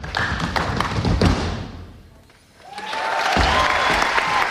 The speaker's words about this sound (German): Applaus für Stomp gestern Abend in der Staatsoper in Hannover. Die Show ist noch bis Sonntag dort zu Gast.